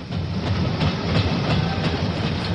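A train rolls steadily along the rails with a continuous rumble and a faint rhythmic clickety-clack, heard as if from inside a carriage, with no talking.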